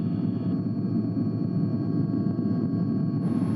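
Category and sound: vehicle, helicopter taking off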